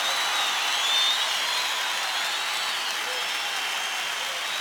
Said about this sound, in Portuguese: Aplaudam mais forte, porque ele é digno. Só ele é fiel.